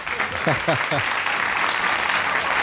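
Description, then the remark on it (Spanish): A crowd applauds steadily, a dense wash of clapping that fills the whole moment, with a brief voice or a few cheering calls rising over it near the start. “Aplauden que me joda a mí, ¿no?”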